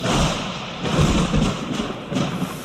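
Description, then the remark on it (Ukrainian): Thunder rumbles on continuously, a deep rolling roar with heavy low booms swelling at intervals. It stays loud throughout, and no one speaks over it. “Тільки-но вона поцілувала чудовисько, все навкруги загриміло.”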